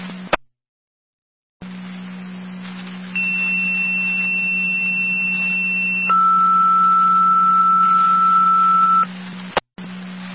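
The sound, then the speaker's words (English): A second set of dispatch paging tones for a Youngstown EMS call on two loop port: a steady high tone held for about three seconds, then a lower tone for three more, over a constant radio hum with clicks at either end. “Second set of tones for your EMS call on two loop port.”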